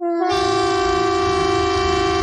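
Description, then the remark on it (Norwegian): A civil defence warning siren in Norway blares a loud, steady, unwavering tone during a police and civil defence test of the emergency warning system on 10 June at 12 o'clock, with a low rumbling background beneath it and no voices. “Og tyfonene.”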